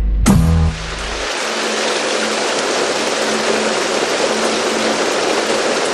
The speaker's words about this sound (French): La pluie s'est mise à tomber ici au studio Toucan.